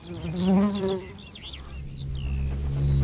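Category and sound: insect, bees buzzing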